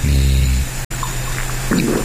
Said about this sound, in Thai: นี่อามาอันนี้ใส่เป็นโซจูใช่ไหมพี่อะโซจูมาวันนี้เป็นโซจูแล้วก็โซดานะฮะนี่พร้อมกับมาล่านะฮะมาล่านี่ฟังเสียงโซจูนี่เขาจะไม่ใส่น้ำแข็งเนาะ